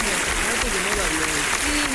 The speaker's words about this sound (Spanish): Aplausos.